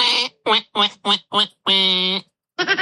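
A voice imitates a duck, giving five quick nasal quacks in a steady rhythm, then one long drawn-out quack and a short final one. Fairly loud, with no other sounds.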